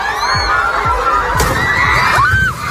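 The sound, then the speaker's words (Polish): Many schoolchildren at a ceremony scream and shout at once during a magnitude 7.8 earthquake in the Philippines, a loud, continuous chaotic din, high wavering cries rising above the crowd, with low thuds and rumbling knocks underneath. “Na jednym z nagrań opublikowanych w sieci widać uczniów, których żywioł został podczas uroczystości.”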